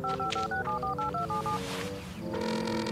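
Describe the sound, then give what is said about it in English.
A rapid string of about a dozen short keypad tones as a phone number is punched in to call Officer Lewis at the Discovery Mountain Police Department, each beep clear, followed by a brief pause and a sustained tone. “Now, where's my phone?”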